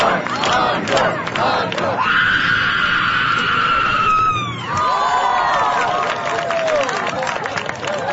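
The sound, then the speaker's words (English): A loud guttural scream at a screaming contest, measured at 121.9 decibels, is held for 3.6 seconds over a noisy crowd, then breaks off into overlapping shouts and cheers from the people. “This person also has the loudest scream, as well as having very high style.”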